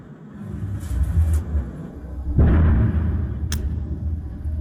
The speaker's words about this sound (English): Okay, what's that you can hear? Very quickly, that is some sort of missile.